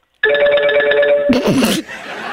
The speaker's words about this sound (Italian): Io ho un telefono che suonava. Ah, no, era un telefono.